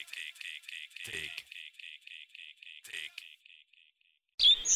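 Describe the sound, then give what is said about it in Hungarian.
Birds chirp outdoors on a restaurant terrace by the Tisza river bank in Tiszafüred, in a fast, steady series of high calls, roughly four per second, gradually fading before a voice begins at the very end. “Nem, ön nem az erdőben hallja a madárcsicsergést, hanem a Hableány étterem teraszán üldögélve.”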